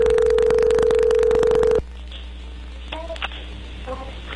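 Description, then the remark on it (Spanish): A telephone ringback tone of an outgoing call sounds as a single steady, low-pitched buzzing note for almost two seconds over crackly line static, then cuts off, leaving quieter line hiss with a few faint murmurs. “A ver, márcala. Ahí ya entró la llamada, no hagan ruido, ahí va.”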